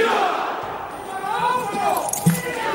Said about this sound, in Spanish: ha estado presente en el acto de entrega de despachos presidido por el rey, en el que se ha podido oír un grito de ¡viva la OCO! ¡Viva España! ¡Viva! ¡Viva el rey! ¡Viva! ¡Viva la Guardia Civil!